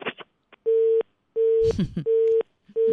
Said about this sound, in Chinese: 电话一接通，问他是谁，电话就挂了，切出去啊。